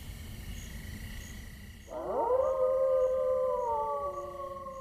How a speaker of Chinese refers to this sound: 你们看，那是什么？ 那是什么？ 那是狼，狼群！ 完了完了，今天我们要葬身狼腹了。